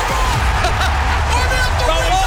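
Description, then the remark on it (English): A big stadium crowd at an Adelaide Crows AFL finals match in September cheers in a loud, unbroken roar, scattered shouts and whoops rising out of the dense wall of voices from start to finish. “And listen to the crowd!”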